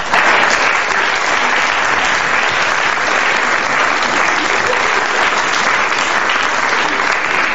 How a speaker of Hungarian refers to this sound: Fogadjuk őt nagy tapssal